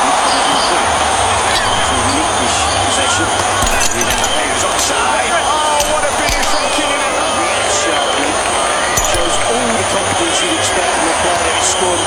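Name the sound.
crowd cheering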